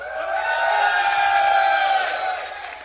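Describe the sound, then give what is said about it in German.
A large festival crowd on the meadows and at the cinema areas cheers and shouts in a loud, sustained roar, voices blending into a steady wall of noise that swells slightly in the middle and tapers off at the end. “Pass auf, jetzt alle Leute da draußen machen einmal so viel Lärm”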